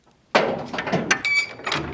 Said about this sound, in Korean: 육중한 철문이 끼익 소리를 내며 열렸고